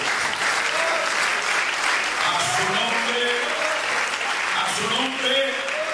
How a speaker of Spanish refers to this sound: Un aplauso al Señor, ¿verdad?